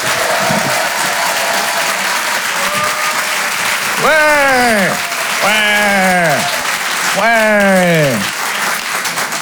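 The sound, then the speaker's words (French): A crowd at a Rire et Chanson comedy show applauds a comedian in a dense, steady roar of clapping, joined partway through by three loud, sweeping cheers or whoops that rise and fall in pitch. “Faites un maximum de bruit, s'il vous plaît, pour Pierre Thévenoud.”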